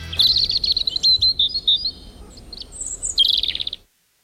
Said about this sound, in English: Okay. One of them is birds.